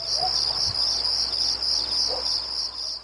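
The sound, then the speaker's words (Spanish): A steady, high-pitched mosquito buzz whines continuously for about three seconds, loud and close, pulsing slightly in waves, with no voices. “Ahí está el mosquito, me voy con el mosquito.”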